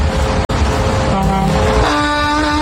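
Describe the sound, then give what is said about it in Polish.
A big semi-truck's air horn sounds over a steady, loud engine rumble, starting partway through and swelling into a strong, sustained blast near the end, with no talking. “Poprosiłem, że jak ktoś nas słucha rzeczywiście jadąc za kierownicą takiej wielkiej ciężarówki, to niech nam trądy podeśle.”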